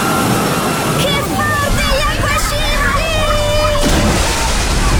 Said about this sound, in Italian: Il divertimento della piscina ad onde, ne arriva un altro!